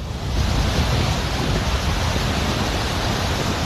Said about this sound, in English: These are images from Kupwara, where there were flash floods as a result of heavy rain. You can see water gushing down a hillside.